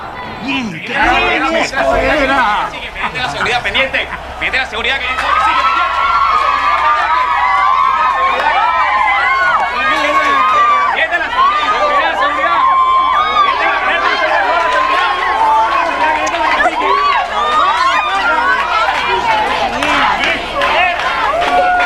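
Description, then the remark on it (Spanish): A large concert crowd roars continuously, cheering and applauding the singer, a dense wash of cheering, shouting voices and applause that stays loud and steady for about twenty seconds with no single speaker standing out. “Oiga, es que no paran de aplaudirlo.”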